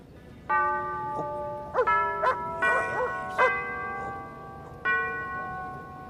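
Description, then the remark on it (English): Church bells ring out in a loose, irregular peal, about six strikes whose bright tones overlap and hum on between blows, fairly loud with a soft outdoor background and no voices. “Amen to the bells, Father. The bells are saying grace, me dear.”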